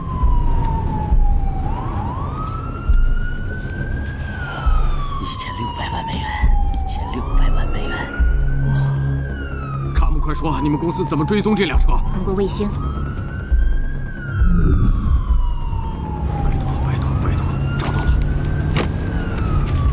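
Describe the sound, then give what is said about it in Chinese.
An ambulance siren, switched on with a red button on the central console, wails loudly, sweeping slowly up and down in long cycles roughly every five seconds, over a steady low engine rumble with faint voices underneath. “警报！警报！警报！怎么开？”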